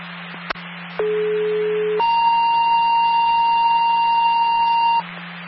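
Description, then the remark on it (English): The Mobile Fire Department's daily test alarm tone of its emergency communication system, at 12 o'clock: after a brief click, a steady low tone holds for a second, then jumps to a louder, higher, buzzy tone for three seconds over a constant low hum. “Mobile Fire Department personnel, this is the daily test cell of your emergency communication system.”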